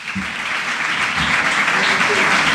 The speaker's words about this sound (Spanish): Un aplauso enorme para Jorge Alemán. Le robo las frases habitualmente. Quiero un fuerte aplauso para Elizabeth Duval.